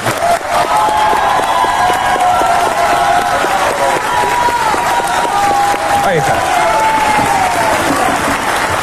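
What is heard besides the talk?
audience applause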